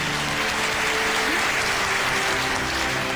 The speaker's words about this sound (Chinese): 让我们再次把掌声送给他们俩，希望他们的日子能够越过越好。